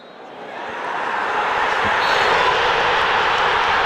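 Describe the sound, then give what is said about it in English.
A huge stadium crowd at a Celtic football game erupts in a roar as Daizen Maeda's goal, first ruled out by an incorrect offside call, is given after the video assistant referee overturns it. The roar swells over the first second and a half, then holds as a dense, loud, sustained wall of cheering noise. “goal ruled out by an incorrect offside call, which was subsequently overturned by the video assistant referee and actually led to what I think is the loudest roar of any crowd I've ever heard at a football game.”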